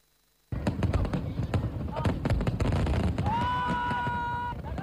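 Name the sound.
fireworks exploding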